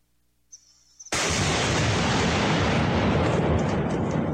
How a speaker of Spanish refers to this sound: Explosiones en medio de la selva amazónica. Así se desarrollaron estos nuevos operativos militares contra la minería ilegal, ejecutados en la provincia de Napo.